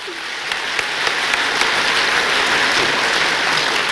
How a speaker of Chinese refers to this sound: 掌声热不热烈？我听听。